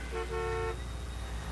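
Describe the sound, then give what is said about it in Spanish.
A car horn honks twice, a quick short toot followed by a longer blast, loud over a steady low rumble of traffic. “¿Qué es eso de andarte durmiendo en el tráfico?”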